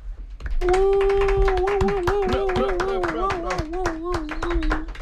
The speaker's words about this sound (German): Applaus